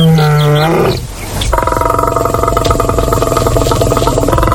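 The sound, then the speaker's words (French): A loud lion roar bursts out in a single rough growl, framed by sustained droning tones before and after, with no one talking. “Le lion est le deuxième plus grand félidé après le tigre et ainsi le plus grand carnivore d'Afrique.”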